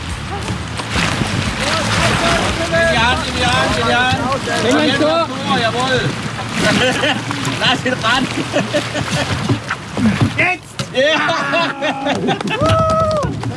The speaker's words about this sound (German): Das war Kanupolo im Opfingersee.